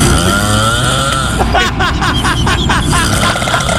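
Loud, rasping snoring that rattles and revs like a chainsaw starting up, with a rough, pulsing buzz that keeps going without a break, harsh; from a video taken from the show La Casa de los Famosos.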